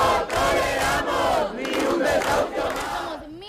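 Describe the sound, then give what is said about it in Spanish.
A large protest crowd of hundreds of people, camping out for a third night in the Puerta del Sol in Madrid, Spain, despite falling temperatures, chants together in loud, continuous unison, the massed voices rising and falling in rhythmic phrases with brief dips between shouted lines. “ni la bajada de las temperaturas han impedido que cientos de personas sigan acampada una noche más en la Puerta del Sol de Madrid, en la tercera noche a la intemperie.”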